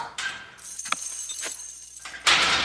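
Heavy metal prison doors clang shut twice in a row, sharp and echoing, followed by a harsh burst of clattering metal as another gate slams.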